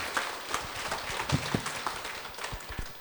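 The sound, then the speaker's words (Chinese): A crowd claps steadily to welcome a lecturer before a talk, a dense rattle of many hands with a few sharper claps standing out, fairly soft and continuous for about three seconds with no one speaking. “我们这一次大家以热烈的掌声来欢迎我们吴老师来为我们讲解，谢谢。”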